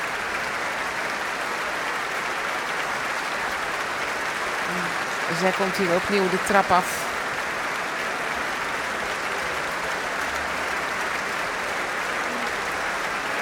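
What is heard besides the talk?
concert audience applause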